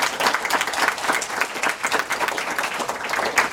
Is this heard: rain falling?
no